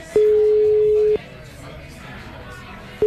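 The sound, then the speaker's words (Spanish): A steady electronic ringback tone of an outgoing phone call sounds for about a second, pauses for nearly two seconds, then starts again, with faint background noise between rings. “¿Tienes el teléfono? Tengo el teléfono. A ver, llámale.”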